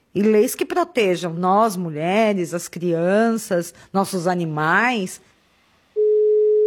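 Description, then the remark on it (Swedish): A person talks for several seconds, then after a brief pause a steady, clear telephone ringing tone starts and continues through the end, loud as if heard through the handset, as a call is placed to the head of the recently established authority ANPD. “Jag ringer upp chefen på den relativt nyinrättade myndigheten ANPD, ansvarig för att kontrollera att de nya internetlagarna följs.”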